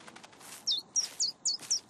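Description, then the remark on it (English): A small bird, Birdie, chirps in a quick, steady series of about six bright, high-pitched notes, evenly spaced, against faint background noise, while making a nest on top of someone's head. “But it looks like the birdie's making a nest on top of your head.”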